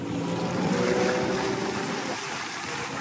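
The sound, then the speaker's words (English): A passenger boat cruises across open sea through the Mamanuva Islands toward the Asawa group, its engine droning steadily beneath a broad, continuous wash of waves and wind, loud throughout with no speech. “After a few hours at sea, we arrived at Mai Sunset Resort.”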